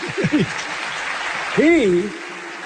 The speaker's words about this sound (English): Clap for him.